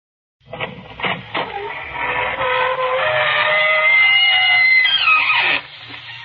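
The squeaking door of the Inner Sanctum radio show creaks open in one long, drawn-out squeal, starting with a few stuttering creaks before settling into a loud, wavering high-pitched groan that cuts off abruptly after about five seconds.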